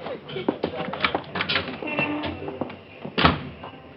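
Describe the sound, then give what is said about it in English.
A door is opened and shut amid a flurry of close wooden knocks and clicks, ending with a louder thump as it closes, recorded with a muffled, old-fashioned tone. “Out the door. And smile.”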